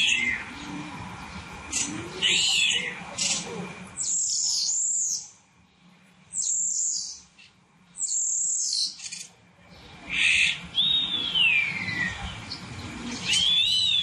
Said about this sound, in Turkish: Evet, bir sığırcık sesi var ve en başında gerçekten kedi sesi çıkarıyor hayvan.